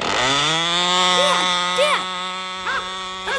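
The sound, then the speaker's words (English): The engine of the speaker's son's model airplane runs continuously with a loud, steady, high-pitched buzzing whine, its tone holding level while a few short warbling chirps rise and fall over it. “Right now, my son is more interested in models. Airplane models, that is.”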